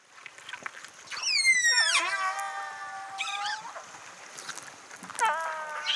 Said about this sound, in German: So sollte es klingen, Wale, die kommunizieren.